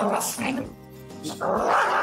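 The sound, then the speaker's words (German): A dog that cannot stand other dogs growls and lets out rough, snarling barks, fairly loud, with a human voice mixed in around the sound. “Ein Hund, der seine Artgenossen einfach nicht leiden kann.”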